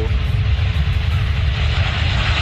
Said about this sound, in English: All right, the FAA now investigating what caused a cargo plane to scrape the runway at the Northern Kentucky Cincinnati Airport. Watch this.